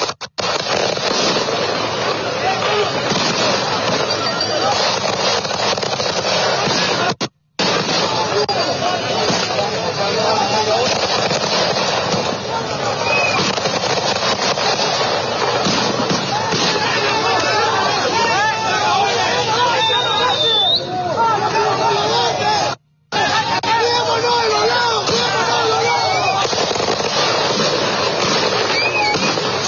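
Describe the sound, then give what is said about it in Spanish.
A dense, continuous roar of a crowd clashing with police on a road in the morning as a road blockade is cleared, with shouting voices and scattered sharp bangs like firecrackers, broken by two brief drops to silence. “Les mostramos en vivo y en directo a esta hora de la mañana estos enfrentamientos.”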